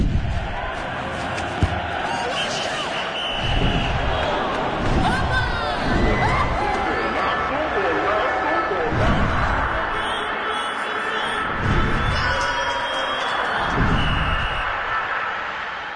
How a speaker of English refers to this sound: I love the sounds. The constant buzzing from the stadium, the melodic yet off-key chanting from the fans, the whistles, the rhythmic cadence of announcers calling the plays. I feel at home with this in the background.